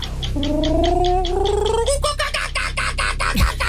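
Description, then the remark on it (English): A voice imitates a kookaburra call: a rising, warbling tone over rapid rhythmic pulses that builds into a loud, chattering cackle for several seconds. “Is that a kookaburra? Oh, yes.”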